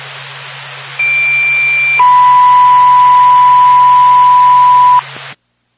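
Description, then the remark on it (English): A fire department dispatch paging tone for the Mountain Fire Department over hissy radio: a short higher steady tone steps down into a long lower steady tone lasting about three seconds, loud and clear, with no voices. “Mountain Fire Department, stand by for a tone.”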